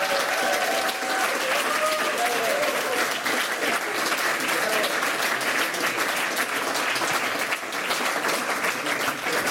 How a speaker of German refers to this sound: Bitte begrüßen Sie mit einem von Herzen kommenden Applaus.